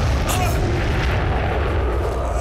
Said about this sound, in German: Was ist das? Hört sich an, als ob die Kameraden eine der Kanonen auf das Ding abgefeuert haben. Aber getötet haben sie es dadurch leider nicht.